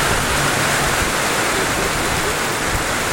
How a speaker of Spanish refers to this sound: Oye, pero ahí sí que está lloviendo con ganas, ¿eh?